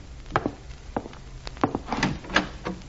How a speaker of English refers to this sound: I opened the door and went in.